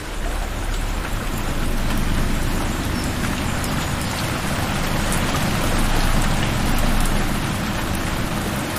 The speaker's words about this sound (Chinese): 这天，山谷中迎来一场大雨。河水随之上涨，整片森林仿佛都在趁机吐故纳新。